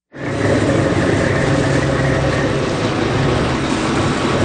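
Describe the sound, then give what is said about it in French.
A lobster fishing boat's engine drones loudly and steadily at daybreak, a continuous low rumble with a rough mechanical hum that starts abruptly and holds without change. No one speaks. “Allez, on monte à bord d'un bateau de pêche homard au lever du jour,”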